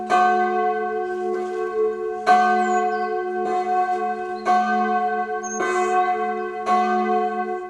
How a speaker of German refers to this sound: Gottesdiensten und besonderen Feierlichkeiten erklingt dann natürlich das komplette Geläut aus 4 Glocken.